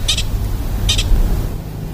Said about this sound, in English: So we have our first pika of the morning. Do you think it's worried about us? So I'm not an expert, but my understanding of that call, the kind of chirping call, is that it can be an alarm call, or it could be a mating call. I'm not sure.